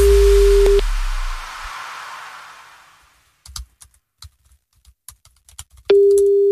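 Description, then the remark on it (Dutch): A steady phone ringback tone of an unanswered call sounds twice, separated by a long pause filled with a fading hiss and scattered keyboard typing clicks. No voices. “Nee, hij neemt de telefoon niet op.”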